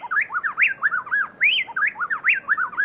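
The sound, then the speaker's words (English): A pair of plain-tailed wrens in Ecuador sing a rapid, tightly interlocked duet of bright whistled phrases, the notes alternating so seamlessly they sound like one bird, loud with no talking. “In Ecuador, plain-tailed wrens blend their voices so perfectly that it sounds to our human ears as if just one bird were singing.”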